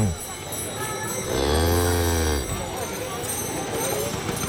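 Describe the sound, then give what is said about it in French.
A single long, low cow moo rises and falls for about a second, fairly loud, set against a steady background hum. “Bonjour, Madame la Vache. Pardon de vous déranger.”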